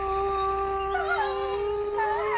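A wolf howls in a long, sustained tone with gliding pitch, joined by wavering overlapping howls, steady and moderately loud throughout with no talking.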